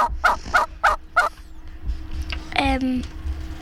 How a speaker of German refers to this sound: Das ist ein Huhn.